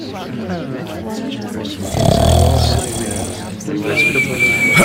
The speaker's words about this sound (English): And so you can clearly and it was the sound of snoring there from, well, a guy in the Bible who fell asleep.